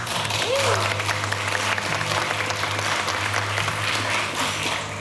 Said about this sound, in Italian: Allora, la mia co-sceneggiatrice, che peraltro è qui, e infatti per lei era l'applauso che avete sentito,